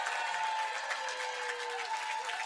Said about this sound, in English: Before we find out the grand champion, can we just have one more round of applause for every single artist who was on this stage today?